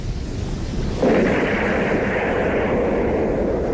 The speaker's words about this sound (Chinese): 我就站起来抱着桅杆，我就看，大概20几秒，鱼雷开始爆炸。